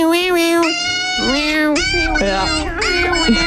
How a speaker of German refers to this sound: Deshalb, ich würde jetzt sagen, Baby. Das ist falsch. Au, krass. Es ist ein Hund.